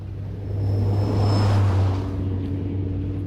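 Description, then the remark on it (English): A bus's deep engine rumble swells as it drives past without stopping, peaking briefly before easing away, with its low droning hum lingering afterwards. No voices are heard. “I'll stick my hand out for the bus.”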